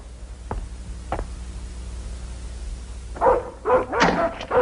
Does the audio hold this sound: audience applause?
no